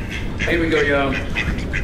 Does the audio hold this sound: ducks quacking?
yes